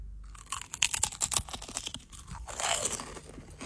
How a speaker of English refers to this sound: I can crunch one of the chips if that would help. Yeah, crunch one. Okay. All right. No pressure. No pressure. I'm gonna bite the chip. Bite into the chip.